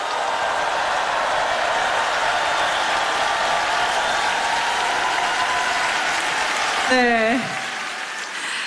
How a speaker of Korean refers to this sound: 여러분 뜨거운 박수를 아껴서는 안 되겠죠? 조금 더 박수 치겠습니다.